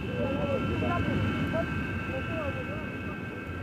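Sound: airplane cabin engine drone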